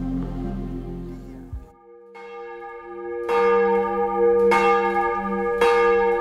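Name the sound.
cathedral church bells ringing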